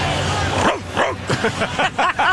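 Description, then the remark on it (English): A person barks like a dog in celebration of a baseball team's 7-0 win, a quick series of short, loud woofs that grow more rapid, over a busy background of crowd chatter. “Hey, as the originator of the bark, can I get some?”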